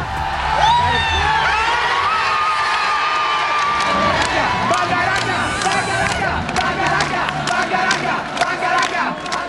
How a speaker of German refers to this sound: so hat sich das angehört, der Jubel der Leute im Stadion.